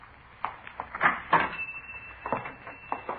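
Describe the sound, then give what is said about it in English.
At 4:43 p.m. a man unlocks a shop door and pushes it open to enter the shop: a string of sharp clicks and light wooden knocks, then a faint creak and a few more soft rattles, all fairly quiet with no talking. “At 4:43 p.m., a man answering the description we'd been given unlocked the door and entered the shop.”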